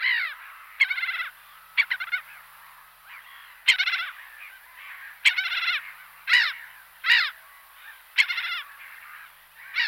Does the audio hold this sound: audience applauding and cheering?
no